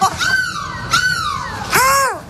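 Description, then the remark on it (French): A human voice imitates a seagull's cry as a goodbye on a live radio broadcast from a bus in Lille: three loud, squawking calls in quick succession, each sliding in pitch, with no talking. “C'est quoi cette mouette, …? Mais laisse-moi tranquille, je fais la mouette que je veux.”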